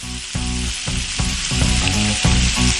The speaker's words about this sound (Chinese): 说到混合油，就是菜籽油和猪油。 我们这个油都烧热了，我要开始煎鱼了。但是今天呢，这个鱼呢比较长，所以呢，我今天这个锅呢有点小，必须得改一刀。 哎，要中间给它来一刀。但这一刀呢，刀口一定要跟刚才我们切的这个花刀的刀口完全吻合。 对对对。现在咱们就可以把鱼下锅了。